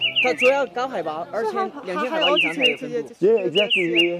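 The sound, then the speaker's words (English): A high-altitude bird, found only above 2,000 metres, calls repeatedly in clear, descending whistled notes, fairly loud, over a busy run of lower, voice-like warbling sounds that continue throughout. “但是这是为什么他听到这个鸟声，他说他就想起这个。”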